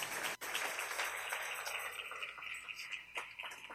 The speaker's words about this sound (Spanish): Dale un aplauso al Rey en esta maravillosa y hermosa tarde.